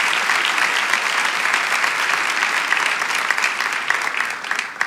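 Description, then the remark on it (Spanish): A church audience applauds Jesus Christ during an afternoon service, a dense wash of many hands clapping at an even, fairly loud level for several seconds, with no voices standing out. “Vamos, si tú lo quieres, dale ese aplauso a Jesucristo en esta tarde.”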